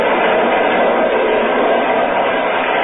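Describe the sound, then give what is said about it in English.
A train rumbles steadily along open track at 60 miles an hour in the dead of night, a dense, continuous roar of wheels and carriage noise that stays loud throughout, with no voices. “We're running at 60 miles an hour on open track in the dead of night.”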